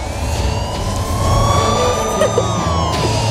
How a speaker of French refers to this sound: C'est à Manhattan, mais il y a un peu de trafic là actuellement sur la route.